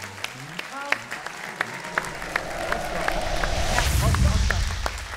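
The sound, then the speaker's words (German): An audience applauds a guest on a show, starting with a few scattered claps that quickly swell into loud, sustained clapping. A faint voice is briefly audible at the start. “Applaus”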